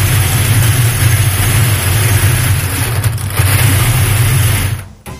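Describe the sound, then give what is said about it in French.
Lottery balls churn inside a drawing machine during the fifth and final draw for a Dacia Sandero car, with a loud, steady mechanical whirr and dense rattling rumble, running continuously for about five seconds before cutting off abruptly. No one speaks. “Cinquième et dernier tirage pour cette voiture, cette Dacia Sandero essentielle. Maître Martin, nous sommes au quatrième série. Touillez.”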